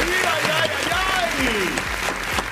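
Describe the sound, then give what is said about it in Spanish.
A burst of steady, dense applause for the show's house DJs, many hands clapping at a constant loudness, while voices and some gliding, whistle-like tones rise and fall over the clapping. “Ay, vamos, el aplauso ahí para los muchachos.”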